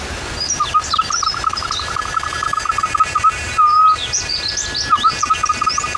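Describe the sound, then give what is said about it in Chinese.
A bamboo whistle, a natural instrument, imitates birdsong with rapid, warbling trills and a few higher chirps, repeating in quick bursts, loud and clear over a faint outdoor background. “模拟鸟叫的声音，还有另外一种鸟，这是一种鸟叫。”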